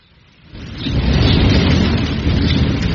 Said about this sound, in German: Du, die Gewitterwolken ziehen ab, Vater. Ja, Guck mal, ganz da hinten wird es schon wieder hell am Himmel. Ja. Ein schweres Unwetter war das. Ja, und am schlimmsten war der Sturm. Richtig. Manchmal hatte ich Angst, dass uns das ganze Dach wegfällt.